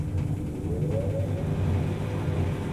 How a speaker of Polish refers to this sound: Włączę wentylator.